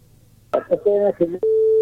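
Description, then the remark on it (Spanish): A brief stretch of talk over a phone line gives way, as the call drops, to a steady, clear telephone busy tone that holds loud and unbroken through the end. “Intentamos recuperar esa llamada.”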